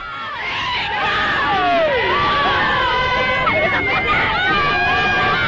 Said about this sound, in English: driven around the inside of the airport safety fence to the screams and cheers of the fans